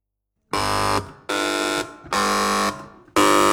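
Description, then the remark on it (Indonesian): Four loud electronic quiz buzzers sound one after another as quiz teams A, B, C and D each press their bell, each a harsh, harmonic-rich tone lasting about half a second or more, with brief gaps between. No one speaks over them. “Sebelum kita mulai babak rebutan, masing-masing regu dipersilakan untuk menekan bel, dimulai dari regu A, regu B, regu C, regu D, secara bersamaan.”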